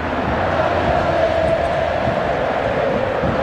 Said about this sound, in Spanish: Escuchen cómo grita el pueblo Pirata, escuchen.